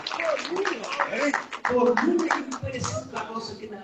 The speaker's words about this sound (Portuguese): Agora é Deus e Deus! Aleluia! Cadê as palmas? Glória a Deus, gente! Aleluia!